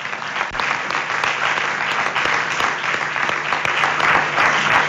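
Sustained applause from a crowd, a dense steady clatter of many hands clapping at once, loud, continuing evenly for the whole stretch without voices standing out.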